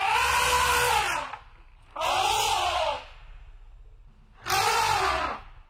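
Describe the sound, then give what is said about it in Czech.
An elephant, an animal that sleeps standing up, trumpets three times, each call a loud, brassy blast of about a second with a rising-then-falling pitch, separated by short pauses of low rumble. “Pak zase řeknu 3, 2, 1 a vy řeknete zvíře, které spí ve stoje, a zrovna ho slyšíte, jo?”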